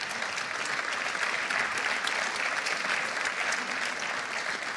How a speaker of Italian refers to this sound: Io sono molto grato a Sensi. C'è un aneddoto, questo applauso è giusto.